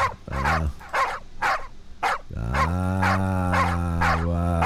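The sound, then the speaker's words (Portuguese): Dogs bark in a quick, steady series of sharp, loud yelps, about nine in all, with a deep, drawn-out droning call sounding beneath them in the second half. “Isso, acorda a cachorrada.”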